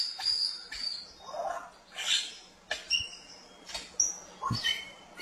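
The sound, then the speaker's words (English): An Albert's lyrebird runs through a varied string of mimicked calls: sharp high whistles, squeaky chirps and a few softer low notes, delivered in quick bursts with brief pauses. “I believe the Prince Albert is up here, or maybe I've got it the other way around, wrong way around, but I believe it's Prince Albert because of their mimicking skills.”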